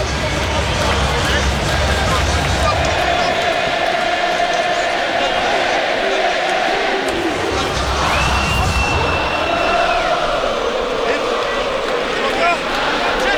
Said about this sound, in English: And it is all crumbling for the men in black at the moment. Baltimore crowd in full voice. I told you earlier, they're 90% South Africans.